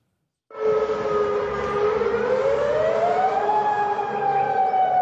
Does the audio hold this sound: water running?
no